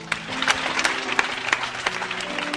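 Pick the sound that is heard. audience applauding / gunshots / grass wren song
audience applauding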